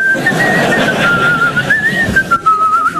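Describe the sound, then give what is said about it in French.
Someone whistles a short, wavering melody, the clear tone gliding between notes for about three seconds over a faint background hum, with no talking. “C'est à quoi on connaît les très très bons ? Ils sifflent.”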